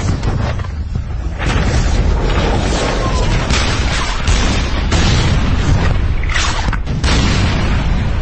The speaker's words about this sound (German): Wie erwartet kamen unmittelbar Granaten in rasanter Geschwindigkeit angeflogen.